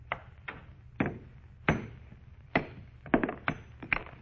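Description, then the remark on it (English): A hammer strikes a meteor stone of almost solid metal to break it along a fissure, about ten hard, sharp knocks at uneven intervals, some landing in quick pairs, each ringing out briefly over a low background hum with no voices, until it splits clean in half. “All I'm going to do is try and break it along this fissure. You had a hammer, Joe.”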